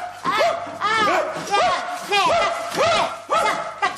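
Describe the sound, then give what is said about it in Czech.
A person imitates a dog with a rapid series of loud, high-pitched yapping barks, about seven in a steady rhythm. “Jej, psa! Hezky pěkně na všechny čtyři!”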